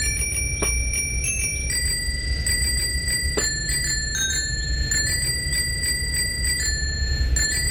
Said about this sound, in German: Genau, im Fahrradklingelquiz. Ja, okay. Welcher Song hier wird hier geklingelt?